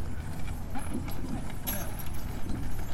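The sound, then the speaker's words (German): The hooves of an ox team plod in a steady, irregular clopping rhythm while the farmer's old wagon rumbles along behind them, with a constant low rolling noise underneath. “Da kommt das Gespann mit den Bullen, also den Ochsen.”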